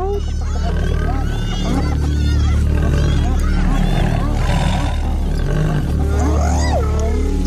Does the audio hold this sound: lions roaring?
yes